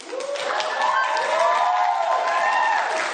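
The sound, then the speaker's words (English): A crowd, many of them white people, claps and cheers steadily throughout, a dense wash of applause with rising voices and whoops mixed in, loud and sustained with no pauses, applauding a woman speaking against DAPL. “Meanwhile, there's a whole bunch of white people in the audience applauding her.”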